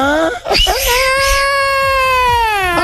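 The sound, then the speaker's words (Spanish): A voice imitates a ghostly woman's wail, La Llorona: a long, high, quavering moan that rises, then holds a sustained wavering tone for nearly three seconds, loud. “Es la llorona, ¿no, güey?”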